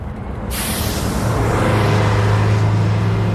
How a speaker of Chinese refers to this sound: 汽车在京沈高速上疾驰